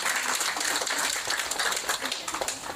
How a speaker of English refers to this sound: So I think a round of applause to you, everyone.